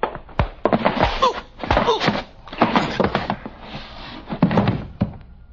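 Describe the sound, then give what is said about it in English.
A door being opened, with several sharp thunks and knocks scattered among steady rustling and shuffling, moderately loud throughout, and no voices. “Open the door.”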